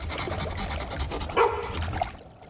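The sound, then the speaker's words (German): A dog on board a fishing boat gives a short bark and then a briefer yelp over a steady wash of water and engine-like noise, with no one speaking. “Und wer hat diesen Hund mit an Bord gelassen?”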